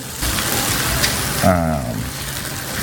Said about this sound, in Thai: เดี๋ยวเอาลูกชิ้นใส่เราใส่หมดเลยเนาะ ค่ะ จริงก็อยากจะผัดแบบให้มันฉ่าแรงๆไฟแรง